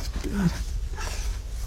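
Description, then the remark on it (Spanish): A puppy gives a single short, high whimper that rises and bends downward, followed by quiet breathy sounds against a low, steady background rumble and faint background noise. “Y entra perrito 1.”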